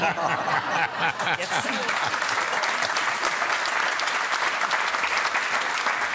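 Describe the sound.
A crowd applauds steadily for about six seconds, a dense, loud patter of many hands clapping, with a few murmuring voices or chuckles audible underneath at the start.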